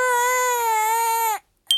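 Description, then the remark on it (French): A baby wails in one long, loud, sustained cry, breaks off into brief silence, then starts a new sharp cry right at the end. “Toudou se demande pourquoi ce bébé doudou pleure autant.”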